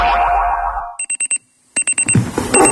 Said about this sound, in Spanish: El despertador.